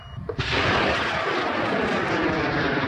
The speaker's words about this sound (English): Launching thousands of feet into the air, a 5-metre-tall, 40-kilogram rocket takes off from a remote field in far west New South Wales. It's one of around 15 rockets launched by students as part of the Australian University's rocket competition.